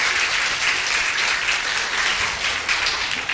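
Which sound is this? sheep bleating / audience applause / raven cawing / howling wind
audience applause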